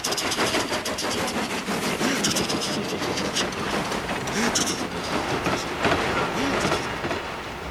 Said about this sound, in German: Thomas gibt sein Bestes. Seine Kolben surren wie eine Nähmaschine. Er pustet Dampf und schießt nur so über die Gleise dahin.